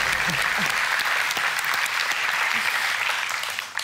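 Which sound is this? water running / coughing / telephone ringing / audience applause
audience applause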